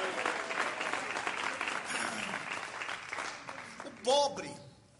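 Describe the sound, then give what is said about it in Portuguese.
An audience claps hands in steady, sustained applause to give glory to God, a dense crowd of claps filling the space, with a voice rising briefly near the end as the clapping fades out. “Esforce, bate palma e dá glória a Deus.”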